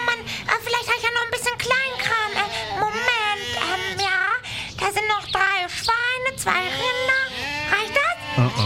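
A flock of 30 sheep bleats, many wavering, overlapping calls rising and falling in quick succession without pause, fairly loud throughout.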